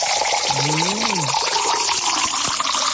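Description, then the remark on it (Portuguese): Drinking water pours steadily into a glass, a continuous splashing trickle lasting the whole moment, with a short voiced murmur briefly rising over it near the start. “Agora faltou aquela aguinha da boa, né? É, da fonte dos Taborda. Vamos tomar uma aguinha?”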